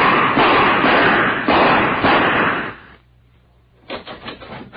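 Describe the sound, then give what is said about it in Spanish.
Heavy crashing and banging as a door is forced and its lock smashed apart, a loud sustained burst, a brief lull, then a rapid flurry of sharp knocks and rattles. “Ya sé cómo abrir esta puerta. Ancina tiene que saltar hecha pedazos la chapa.”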